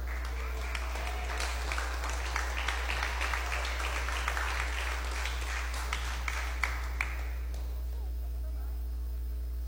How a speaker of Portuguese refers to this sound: Pode bater palmas para Jesus.